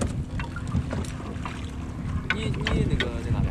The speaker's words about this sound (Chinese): 入秋之后，生活在湖边的渔民就开始忙碌起来。伴随着渔船此起彼伏的马达声，他们竞相收获着大自然的馈赠。